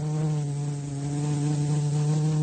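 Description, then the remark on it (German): A bee buzzes steadily and loudly, a continuous droning hum with a slight waver in pitch, heard alone without any voices. “Wir haben für heute ausgesumst.”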